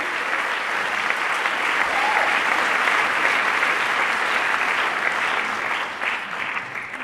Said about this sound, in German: Und ich bitte um einen großen Applaus.